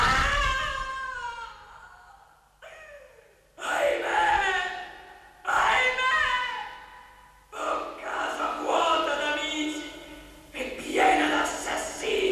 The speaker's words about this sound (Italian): Qualcuno grida nella reggia. Non udite, care? Sì, ho udito. Oh, me infelice. Urla terribili da far rabbrividire.